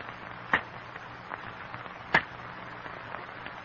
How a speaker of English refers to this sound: In the strained silence, the men listen to the sharp crack of cane knives on stalks of cane, the crackling of falling cane leaves.